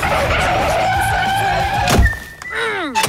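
A car brakes hard, tires screeching loudly for a few seconds before a heavy thump as it runs a woman over, followed by a falling squeal as the skid dies away. Nobody speaks.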